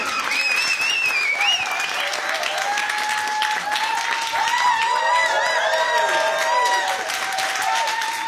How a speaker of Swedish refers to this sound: Stora varma applåder för ….